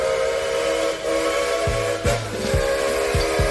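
A steady train whistle blows over the rumble of a rolling train, with rhythmic low thumps of wheels clacking on rail joints, loud, no voices.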